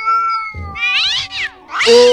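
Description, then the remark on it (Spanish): A voice imitates a chicken that meows instead of crowing, letting out a string of loud, drawn-out meows and yowls with wavering, rising and falling pitch, three or four calls in quick succession with no other talking. “Yo siento que ese pollo, en vez de hacerle kikiriki, le hacía wow. Yo siento que el pollo le hacía así, ¿ves?”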